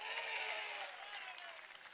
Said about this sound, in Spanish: ¿Cuántos alaban al Señor en esta hora? Denle fuerte ese aplauso si es para Él, a su nombre.